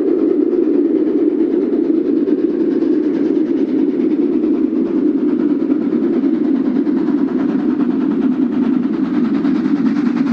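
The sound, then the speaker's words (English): A train rolls steadily along the rails through the West Texas desert, a constant, low rumble that holds at the same loudness throughout, with no distinct clacks standing out and no voices. “I see where this train's headed anyway.”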